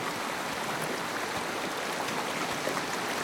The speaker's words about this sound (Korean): 해질녘 바람에 스치는 마른 갈대 너머로 첨벙거리는 소리가 났다.